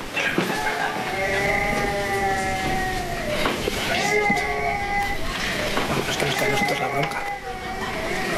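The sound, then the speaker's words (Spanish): A baby who has just woken up cries in long, repeated wailing bursts, rising and falling in pitch, loud with barely a pause between cries, heard on a baby monitor. “Vamos a ver los monitores. Sí, está llorando, efectivamente. Se ha despertado.”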